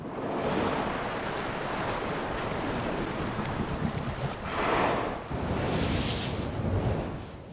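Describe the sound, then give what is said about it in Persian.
Ocean waves wash steadily onto a sandy shore on the coast of Brazil, a continuous roaring hiss with a couple of louder surges as breakers roll in and move the sand, mixed with gusty wind noise and no voices. “این امواج ریگ ها را به جا می کند.”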